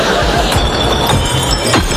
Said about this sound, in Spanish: Para ser bueno con el planeta hay que estar preparado para pasarlo mal, sobre todo cuando reciclas el vidrio. Qué vergüenza cuando todo el barrio te escucha tirar 20 botellines.